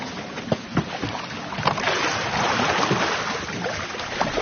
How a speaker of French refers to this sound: C'est avec ça qu'on navigue le bateau, on se déplace, on touche le fond de la rivière et on pousse. Ok. Et c'est une technique très particulière.